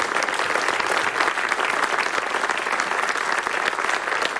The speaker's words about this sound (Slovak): Ďakujeme za ďalšie nominácie a teraz teda hromadný potlesk pre všetkých v tejto várke.